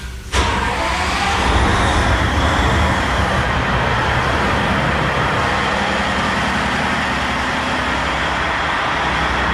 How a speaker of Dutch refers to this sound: Zo, de motor wordt hier net opgestart van het binnenvaartschip Ronin.